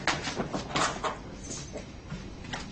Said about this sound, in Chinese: 三二一，关门。